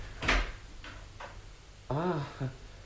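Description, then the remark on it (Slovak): A door is opened after a knock: a firm click of the latch, then two softer knocks of the handle and frame, followed by a short voiced sound as it swings. “Ticho, otvorím a pozriem sa, kto to je.”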